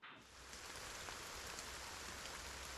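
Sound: rain falling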